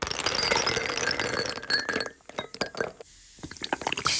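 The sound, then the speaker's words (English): A fizzy drink is poured over ice in a glass: a dense, crackling fizz with bright clinks of ice for about two seconds, then scattered pops and ticks as the bubbles settle. “the sound of someone else pouring a fizzy drink into a glass of ice makes me irrationally mad.”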